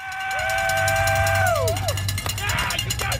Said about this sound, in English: Supporters cheering on thousands of athletes daring to become an Ironman.